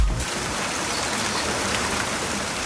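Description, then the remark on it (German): Steady summer rain patters down in a dense, even hiss of countless drops, moderately loud, continuing without a break and with no voices. “Ach, es regnet. Ein Sommerregen.”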